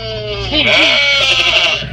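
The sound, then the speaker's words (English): A sheep bleats loudly, one long wavering cry lasting about two seconds, with no other sounds around it. “Man domesticated the sheep and made friends with dogs to help him manage his flocks of sheep.”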